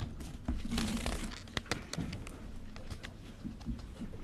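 A sheet of paper is handled and crinkled, with irregular crackling rustles and a few sharp crisp snaps spread across a few seconds, no voices.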